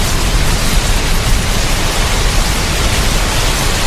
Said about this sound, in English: That's, in case you've forgotten, what rain sounds like. I mean, hopefully you've had a bit by now after all those weeks of hot weather, but if not, this'll jog your memory, yeah?